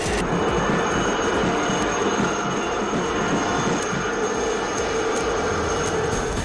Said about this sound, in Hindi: Fly पास में वायुसेना के हेलीकॉप्टर भी हुए शामिल, आसमान में परवाज भरकर की जाबाजी का प्रदर्शन।